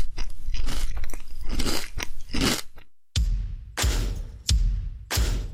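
Loud crunching as someone bites into crisp food and chews, with sharp bursts of crackle repeating every second or so and a brief silence midway.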